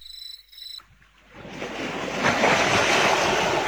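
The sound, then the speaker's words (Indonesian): Waves wash onto a beach, a broad hissing surge that swells in and grows louder, then holds as a steady roar of surf. A brief high tone sounds just before the water rises. “Ngomong-ngomong ya, Pak, kamu sudah sering ke pantai ini?”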